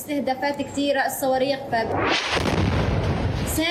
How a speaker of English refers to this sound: Her life changed. Her life became sleeping and waking up to the sound of explosions, to the sound of the numerous attacks and missiles.